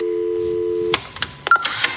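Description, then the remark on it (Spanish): A steady landline telephone tone hums for about a second, then cuts off into a few clicks and short electronic beeps, like a call connecting to the landline of the bar El Garito. “Puedes llamar, seguramente no te lo cojamos, pero hay un teléfono fijo donde siempre podremos escuchar lo que quieres decir.”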